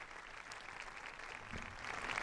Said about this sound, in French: Un discours applaudi.